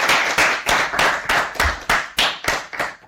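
A group of children claps together in a steady, even rhythm, roughly ten sharp beats in three seconds, loud and with no voices over it.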